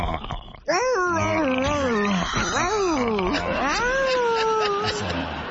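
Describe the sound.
A person imitates a hurt dog's whimper with loud, drawn-out whines that waver up and down in pitch, running as several connected cries for about four seconds.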